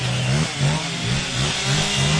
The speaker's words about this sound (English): A chainsaw carving competition. Located just behind a car dealership, a cacophony of chainsaws hangs in the air.